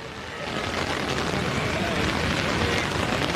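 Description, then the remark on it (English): Very heavy rain after the first World Cup match at the Mexico City fan zone pours down in a dense, steady hiss and roar that swells in the first half second, then holds loud and unbroken to the end. “just this really, really heavy rain after this match.”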